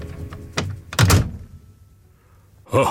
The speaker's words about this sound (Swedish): Konstapeln fick tag i en kvast och med den sopade han ut den lilla hunden på gatan. Sen slog han igen dörren och pustade ut.